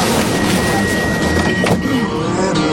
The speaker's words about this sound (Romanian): Atenție, se închid ușile.